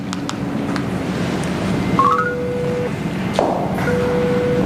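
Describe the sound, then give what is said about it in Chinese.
A few short electronic keypad beeps as a phone number is dialed to call and ask when some people will arrive, followed by steady dialing tones over a constant hiss of background noise. No one speaks. “医生，我打电话问一下他们几个什么时候能到。”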